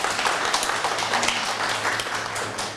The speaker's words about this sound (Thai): เยี่ยมมากเลยปรบมือให้เพื่อนหน่อยเด้ว